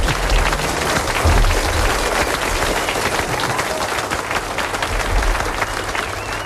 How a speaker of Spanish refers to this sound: Venga, pues dale, adelante. Un aplauso, venga, adelante.